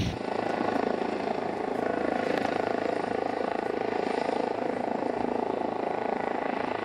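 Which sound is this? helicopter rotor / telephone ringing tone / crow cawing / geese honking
helicopter rotor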